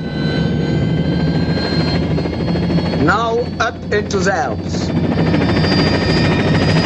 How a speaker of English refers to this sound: From the road below, Campbell watches the chopper blades begin to spin.